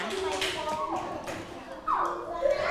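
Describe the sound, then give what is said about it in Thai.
A room full of children clapping together for a group of their classmates, a dense patter of many small hands, with young voices calling out over the applause throughout. “ปรบมือให้กับเพื่อนกลุ่มที่2ด้วยค่ะ”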